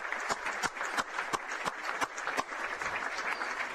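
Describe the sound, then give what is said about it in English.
Steady applause from a large stadium crowd as injured player Bryce Johnson is taken out of the building to an ambulance, with the game set to resume. A dense wash of clapping, with several sharper, louder claps standing out at irregular intervals throughout. “He's being applauded out of the building now.”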